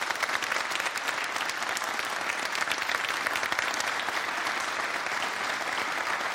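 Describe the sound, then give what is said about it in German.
A studio audience at a morning TV broadcast on the opening day of the football World Cup applauds loudly and steadily, a dense, continuous patter of many hands clapping that holds at full strength throughout, with no talking over it. “nochmal schönen guten Morgen und du hast sogar schon Publikum bei dir.”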